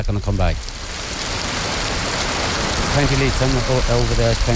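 Steady rain hisses without a break, an even wash of falling water, at points along the border in Northern Ireland. A person talks over it briefly at the start and again through the last couple of seconds.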